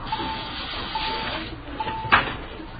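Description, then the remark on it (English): A store's automatic call system, which calls employees to the phone and rings all over the store, rings out in short, repeated mid-pitched tones about once a second over a steady hiss, with a brief noisy clatter near the end. “The auto call system. Call employees to the phone. Rings all over the store, you know.”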